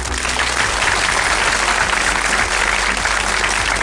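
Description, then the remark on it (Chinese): Sustained audience applause for a doctor after a talk on obesity fills the whole stretch, a dense, steady wash of many hands clapping at even loudness, continuous with no talking over it. “哇，大家把掌声送给格乐医生。”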